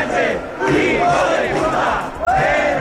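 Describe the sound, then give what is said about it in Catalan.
A large right-wing rally in Plaça Sant Jaume, packed and full of Spanish flags, shouts in unison against immigration, Muslims and the Spanish government, with some cries of support for Ceuta; voices rise and fall in loud, sustained waves with no single speaker standing out, with a brief dip near the end. “Un costat ple de gom a gom amb moltes banderes d'Espanya, algun crit de suport a Ceuta, però sobretot contra la immigració, contra tots els musulmans i encara més contra el govern espanyol.”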